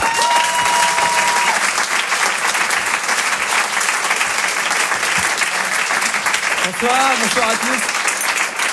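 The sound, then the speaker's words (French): Loud, sustained applause from a large audience at the Rire et Chanson Comedy Club as comedian David Bugnac is introduced, a dense wash of clapping, with a few brief shouts or whistles rising near the end. “Et je vous demande d'applaudir très très fort, s'il vous plaît, David Bugnac.”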